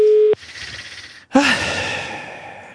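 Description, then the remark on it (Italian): A steady telephone ringing tone from an outgoing call placed at night sounds briefly at the start and cuts off, followed by hushed line noise, a click, and a hissy connected-call background with no one talking. “Vediamo se risponde.”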